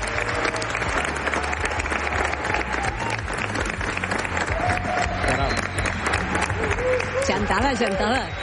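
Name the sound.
studio audience applauding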